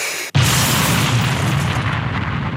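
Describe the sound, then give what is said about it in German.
A voice mimics an explosion, made with the speaker's false teeth set slightly askew in the mouth: after a brief silence, a sudden loud blast of breathy, rumbling noise bursts out and sustains roughly two seconds, with no words spoken. “Das klingt doch wie eine echte Explosion, oder ne?”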